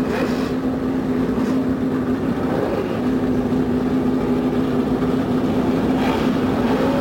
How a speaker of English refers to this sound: The roar from 35 normally aspirated engines goes up along the main straightaway here at the Indianapolis Motor Speedway.